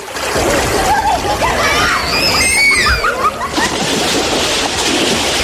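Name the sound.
children splashing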